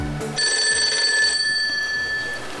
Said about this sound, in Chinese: 铃声。